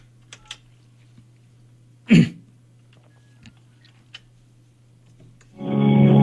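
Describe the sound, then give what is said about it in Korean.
A Far East Broadcasting (극동방송) radio host dials a phone call to a listener's daughter: soft scattered button clicks and one sharper tap over a steady low hum, then a loud, buzzy ringing tone starts at the end. “딸에게 전화를 해봅니다”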